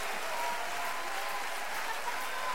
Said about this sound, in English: Let's really applaud the Lord in this place tonight. Come on. For all that he's done. For all he's going to do.